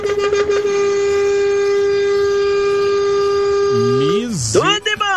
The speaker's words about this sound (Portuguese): Misericórdia, não economizou nem um segundo da buzina, rapaz.